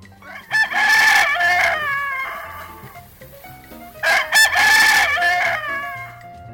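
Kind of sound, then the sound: bird, rooster crowing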